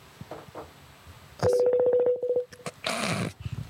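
The ringing tone of an outgoing video call: a steady electronic ringing tone of about a second, a sustained mid-pitched beep with a pulsing buzz, rising suddenly out of low background noise and followed by a short burst of noisy sound.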